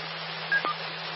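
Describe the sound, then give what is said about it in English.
A doorbell sounds once as a brief two-note electronic chime, high then slightly lower, heard over a steady background of hiss and low hum. “Well, I hear my doorbell ringing, so there's somebody here to sell me something, probably.”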